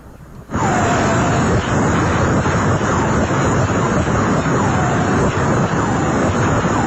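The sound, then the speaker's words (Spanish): A black hole sound recording: a loud, steady roaring hiss like a vacuum cleaner kicks in abruptly, with a thin high whine and faint swooping tones repeating throughout. No one speaks. “Póngale y verá que se escucha como si fuera una aspiradora.”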